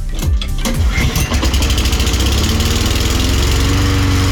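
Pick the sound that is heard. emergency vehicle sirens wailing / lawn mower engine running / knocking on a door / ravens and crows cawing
lawn mower engine running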